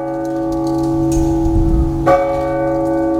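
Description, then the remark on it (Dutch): A church clock bell in Voorschoten rings with rich, sustained metallic tones, one clear new strike sounding partway through as the earlier chime hums and lingers. No voices, just the resonant bell over a low rumble. “Nou, we hebben uiteindelijk moeten beslissen om de klok tussen 7 uur 's avonds en 9 uur 's ochtends uit te zetten.”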